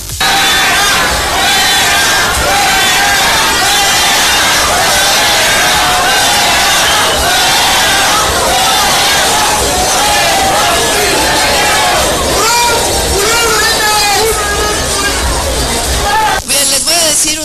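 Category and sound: crowd, crowd booing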